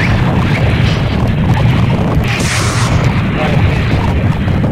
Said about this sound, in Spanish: Tremenda explosión que se escuchó ahorita aquí en el próximo. Bueno, no sé realmente, no sé qué habrá pasado.